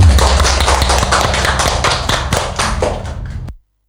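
A crowd claps steadily for about three and a half seconds, a dense patter of many hands at an even loudness, then the applause cuts off abruptly.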